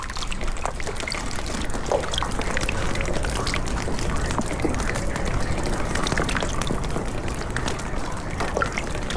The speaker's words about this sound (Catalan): A esta sinfonia de gotes d'aigua la segueixen les acústiques de les canonades dels desaigües, les cornisses de les teulades i els corrents d'aigua que brollen per tot i s'uneixen a eixe xicotet rierol